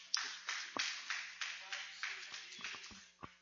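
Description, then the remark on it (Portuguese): An audience claps hands together in a steady, even rhythm, about three claps per second, welcoming the preacher at a morning church service. The claps are moderately loud over a faint low hum, with no one speaking. “Vamos receber o servo de Deus com as palmas bem alegres para Jesus.”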